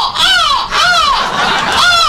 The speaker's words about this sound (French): Les mouettes passent admiratives.